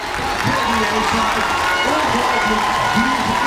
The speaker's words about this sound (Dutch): Applaus hier in Rotterdam. Uit een volle bioscoopzaal. Met dol enthousiaste fans.